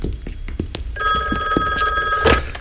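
A telephone rings with a steady, high-pitched electronic trill that starts about a second in and continues to the end, over some low background clatter and faint voices.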